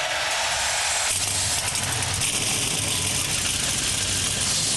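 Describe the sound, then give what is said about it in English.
Loud NASCAR tough truck race engines, including the number 4 Chevy, start up together in the Irish Hills, Michigan, a dense low rumble that swells into a sustained, rattling roar about a second in and keeps running steadily to the end, with no voices. “And drivers, start your engines.”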